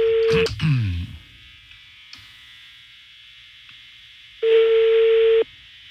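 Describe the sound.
An outgoing call's ringback tone: a steady mid-pitched electronic buzz cuts off, a brief voice murmurs, then after a long quiet gap another one-second ring tone sounds.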